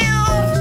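A cat meows once, a drawn-out, close and loud call with a clear tonal pitch that holds steady for under a second.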